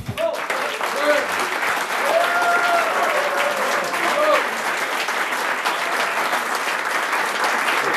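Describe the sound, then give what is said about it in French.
An audience applauds a speaker after a talk on the life of a musician, a steady, dense, loud wash of clapping for the whole stretch with a few faint voices and cheers rising briefly through it. “On peut l'applaudir.”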